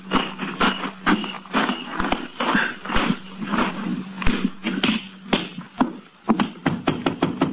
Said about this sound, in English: You go around the back way, and I'll go in through the front. Wait till you hear me knock.